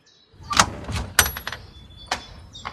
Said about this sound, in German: Bitte öffne die Tür. Wir wissen genau, dass du da bist.